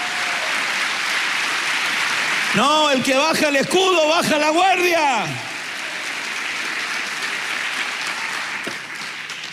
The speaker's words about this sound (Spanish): Vamos, dé un aplauso al Señor por eso.